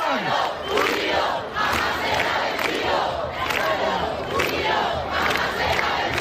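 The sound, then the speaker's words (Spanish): A large crowd at the protest camp in the Puerta del Sol, where people keep arriving after rain earlier in the day, fills the air with a dense, steady roar of many voices, with scattered shouts and rising swells of chanting-like calls at a consistently loud level. “ahora mismo no deja de llegar gente a la Puerta del Sol”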